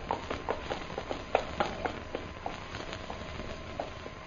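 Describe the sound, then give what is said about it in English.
The hooves of an approaching ridden horse clip-clop in a steady, fairly quick rhythm, a string of sharp knocks at moderate loudness over a faint background hiss, with no voices. “Horse come there.”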